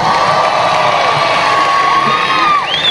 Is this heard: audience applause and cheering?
yes